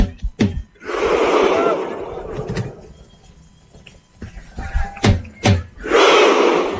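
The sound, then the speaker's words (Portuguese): A large crowd of Norway supporters at MetLife Stadium lets out loud, unified shouts in separate bursts, with sharp drum hits between them as Haaland beats a drum, giving a slow, rhythmic call-and-response feel. “Bateu a segunda vez, vai na terceira. E a torcida grita.”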